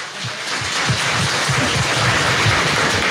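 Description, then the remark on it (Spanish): A crowd at a community gathering in Ramiriquí, Colombia, applauds a guest speaker. The clapping lasts about three seconds: a dense, crackling wash of many hands at an even, fairly loud level, with no voices over it. “dejo con un gran ser humano que hoy está, sin cobrarnos ningún costo, con nosotros por todo Colombia, recorriendo el país y guerreándosela por los campesinos y por todas las comunidades de Colombia, para quien pido un aplauso muy fuerte y muy grande.”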